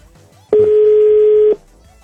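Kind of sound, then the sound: signal or alarm, telephone call tone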